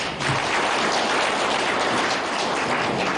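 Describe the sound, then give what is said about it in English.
Steady, dense applause from a crowd, a continuous crackle of many hands clapping at once that stays loud and even for a few seconds with no voices over it, applauding young people for work done on a road. “And I can only applaud our young people that we always used to say, our young people are not ready for hard work, but they have proven us wrong, and they deserve a round of applause.”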